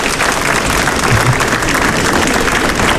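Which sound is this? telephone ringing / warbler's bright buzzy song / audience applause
audience applause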